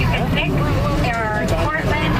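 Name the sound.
tractor engine running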